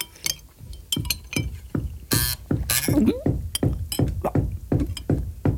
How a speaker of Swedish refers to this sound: Hörra, vad var det? Ja, vad var det? Det lät som att det var någon som knackade. Vem kan det vara?